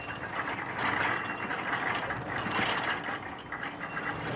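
A dense, steady mechanical rumble and rattle with grinding, clattering textures throughout as a nuclear icebreaker forces its way through Arctic ice and everything on board vibrates; constant and loud, no voices.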